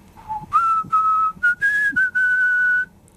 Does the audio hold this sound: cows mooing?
no